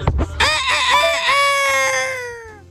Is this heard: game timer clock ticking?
no